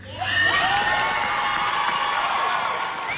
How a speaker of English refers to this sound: They earned every bit of that applause.